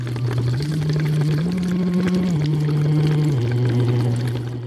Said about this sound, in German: von der deutschen Schule Malaga in Spanien singt blubbernd durch einen Plastikschlauch in eine mit Wasser gefüllte Flasche. Knapp eine Stunde vor seinem Auftritt bei Jugend musiziert in Regensburg.